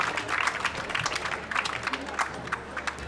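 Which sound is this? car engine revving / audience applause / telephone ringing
audience applause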